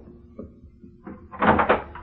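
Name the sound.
door opening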